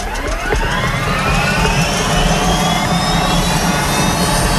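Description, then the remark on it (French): A Sécurité Civile helicopter's turbine engine starts up at its helicopter base for the first flight of the day, after refuelling, its whine climbing steadily in pitch over a loud, constant roar and low rumble, with no voices. “Maintenant que donc le plein de carburant a été effectué, que toutes les informations ont été prises auprès des sapeurs-pompiers du Jura et que les équipements, casques, baudriers ont été enfilés, il est temps de mettre en route l'appareil.”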